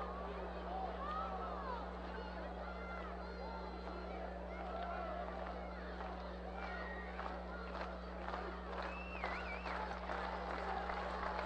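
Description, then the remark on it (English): A steady roar of baseball stadium crowd noise with two outs as pitcher Peralta works a long at-bat, with layered chatter, scattered shouts and whistles rising above a constant low hum. “Crowd into it with two outs.”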